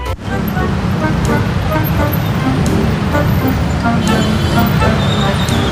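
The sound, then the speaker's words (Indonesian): Dense road traffic rumbles steadily and loudly, with engines idling and crawling in a jam, faint horn toots and voices mixed into the constant low drone. “Aduh, mana macet lagi.”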